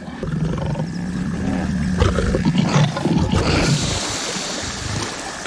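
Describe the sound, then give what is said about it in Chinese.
A lion roars threateningly at Nile crocodiles feeding on an elephant carcass in the water, deep, rumbling growls that swell and fade over several seconds, with water sloshing and splashing steadily underneath. “尽管有这么大一份食物，狮子还是不想与尼罗厄分享。这样的恐吓没什么威慑力，在水里尼罗厄才是霸主。”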